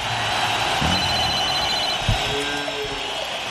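An old telephone bell, used to signal the end of the radio show La Casa del Rock Naciente on Rock and Pop, rings in a steady, continuous metallic trill throughout, fairly loud, with a low thump partway through and no voices.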